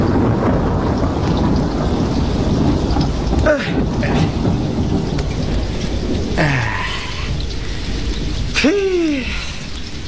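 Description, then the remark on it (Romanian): A wind and rain storm roars steadily and loudly throughout, with a few brief whooshing gusts sweeping through around the middle and near the end. No voices are heard. “Pe tine te leg de el, să nu te ia vântul, că ești cam pirpirie.”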